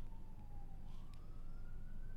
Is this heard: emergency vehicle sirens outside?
yes